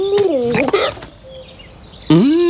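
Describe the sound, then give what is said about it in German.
A cartoonish dove hiccups with short, squeaky vocal bursts and fluttery cooing, then pauses before one more loud, rising hiccup. It sounds like a voice imitating the bird. “Aus dem Biegel wird eine hixende Taube.”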